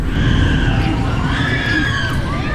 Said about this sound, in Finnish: Mahtava kirkuminen käy Huvipuisto Power Parkissa Alahärmässä. Tässä on koululaisia pitkin maakuntaa ja vähän maakuntien, pohjalaismaakuntien ulkopuoleltakin lähtenyt luokkaretkelle.